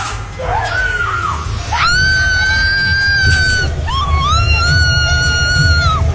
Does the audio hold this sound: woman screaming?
yes